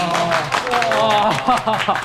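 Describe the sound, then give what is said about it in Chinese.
A group of colleagues claps steadily in a dense, continuous patter while several voices cheer and call out over it, applauding a colleague's promotion to head the Dongli heart centre, the whole burst lasting about two seconds at a lively volume. “绩效奖金标准提升一级。鼓掌。”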